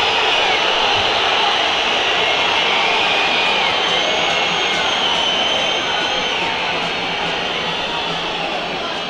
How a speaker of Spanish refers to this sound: Siguen los silbidos.